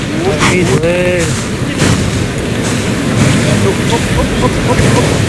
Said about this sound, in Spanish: Ha llegado el toro al burladero del 8, entonces han abierto la puerta de cuadrilla para que salten los picadores al ruedo. Ahí oímos la respiración del toro.